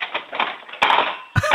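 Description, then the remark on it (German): A 9-year-old girl in Krems, Lower Austria, takes forks out and drops them back into a kitchen drawer to make a loud sound: metal forks clatter and jangle, a busy rattling followed by two sharper crashes of cutlery landing in a heap. No one speaks. “Und dann holst du alle von den Gabeln raus und lässt sie nochmal in die Lade reinplumpsen.”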